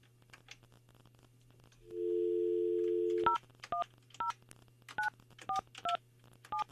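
A steady dial tone hums briefly, then a quick series of short telephone keypad beeps follows in an uneven rhythm as a listener's number is dialled for an on-air song challenge, about ten distinct tones, fairly loud, with no talking.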